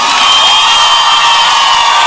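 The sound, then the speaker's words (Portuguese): A loud, dense wash of crowd applause and cheering, steady and sustained throughout, with scattered whoops and shouts rising from the noise and no clear speech. “aplauso faz barulho.”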